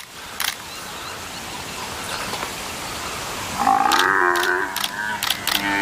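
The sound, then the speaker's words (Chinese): An African buffalo calf bawls in distress as a lion tries to suffocate it, a loud, strained, wavering cry rising out of a steady rumble of background noise in the last couple of seconds. Sharp clicks break in now and then. “狮子试图让非洲水牛幼崽窒息而死。”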